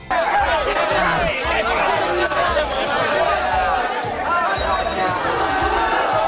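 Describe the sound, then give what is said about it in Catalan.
A loud crowd shouts cries against Vox at a ceremony presided over by mayor Jaume Collboni, many raised voices overlapping into a continuous, chaotic roar of protest cries that holds steady for the whole stretch without a pause. “Aquests són els crits de l'acte”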